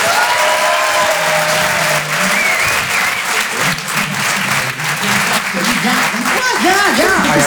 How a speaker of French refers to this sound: Chanson Comedy Club, un lundi par mois, en live, sur la scène de l'Apollo Théâtre à Paris. Et en direct sur Rire et Chanson, dans toute la France. Je vous demande d'applaudir très très fort, s'il vous plaît, ….